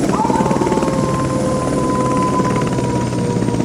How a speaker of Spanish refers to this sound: Bueno, luego de ese aullido no queda ninguna duda. Es él.